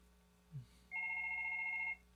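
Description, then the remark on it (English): A telephone rings once, a steady electronic trill lasting about a second and fairly clear, just after a soft brief thump. No one speaks. “And we'll see if we got another call coming in.”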